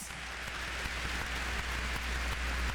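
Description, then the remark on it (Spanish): An audience applauds for the Lord in a steady, dense wash of clapping that holds an even level throughout, with many small hand claps blending together and no voices over it. “Un aplauso al Señor.”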